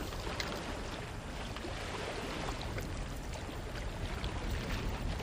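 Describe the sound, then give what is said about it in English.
A wooden dugout canoe, a simple engineless fishing craft made from a tree trunk, glides through coastal or mangrove-swamp water, with steady sloshing and rushing against the hull, continuous, with no voices. “Fishing is carried out in coastal areas or mangrove swamps from simple craft without engines constructed from tree trunks.”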